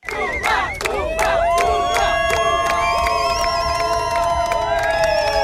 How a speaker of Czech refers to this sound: Příležitostí vyvolávat jména českých hvězd měli jejich kamarádi z národního týmu víc než dost.